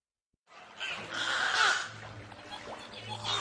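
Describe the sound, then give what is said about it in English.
Two rescued beluga whales, Frankie and Bertie Botts, moved from Marineland of Canada, chirp, whistle and click in their habitat at SeaWorld San Antonio, a dense, continuous stream of squeaky, rising and falling calls, steady in loudness over a low background hum, with no one talking. “Chirps, whistles, and clicks fill the beluga habitat at SeaWorld San Antonio, where two rescued whales are settling into their new home.”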